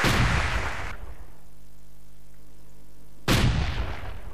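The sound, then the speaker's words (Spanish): Two loud, booming gunshot blasts, each trailing off in a rough, noisy rumble, separated by a few seconds of quiet low hum. No voices are heard. “¿Un tiro? Sí.”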